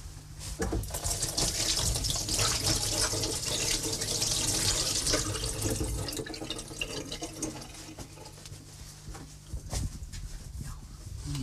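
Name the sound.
running tap water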